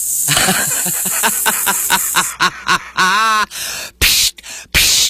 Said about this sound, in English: It's like a Dom DeLuise in Blazing Saddles. Sounds like steam escaping.